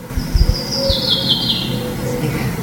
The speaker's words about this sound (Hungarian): Ez például az erdei pinty.